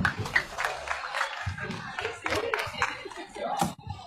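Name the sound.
audience applause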